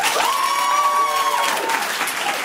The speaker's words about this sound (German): Hier sitzen 60 Leute, die alle geil sind. Wir hören sie jetzt klatschen.